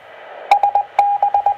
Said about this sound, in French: Il y a toujours du bip avant comme ça?